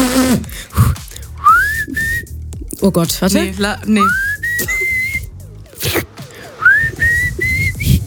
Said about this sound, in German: Können wir denn auch so schön pfeifen?